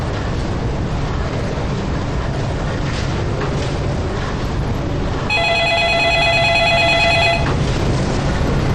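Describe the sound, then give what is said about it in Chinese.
A telephone rings once in a rapid, trilling burst lasting about two seconds, fairly clear, over a steady rushing background noise with no one speaking. “啊，刚才妈打电话 问什么时候有空回家吃饭。”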